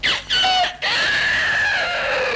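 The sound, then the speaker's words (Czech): A person loudly imitates a rooster's crow for a radio time signal at 6 o'clock: two short clipped calls, a brief break, then a long drawn-out note that slowly falls in pitch, with no other sounds. “Tak já vám povídám, počkej, tak klidně, já ti toho kohouta zaimituju.”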